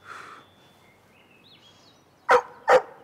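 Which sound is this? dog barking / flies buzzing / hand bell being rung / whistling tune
dog barking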